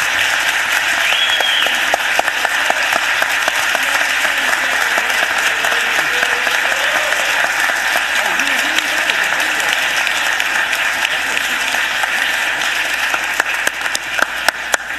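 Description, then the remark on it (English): A crowd at a council meeting applauds steadily for about fifteen seconds to honor a man's retirement and service, a dense, continuous wash of clapping from many hands, with faint murmurs of voices mixed underneath. “Can we give him a round of applause, everybody?”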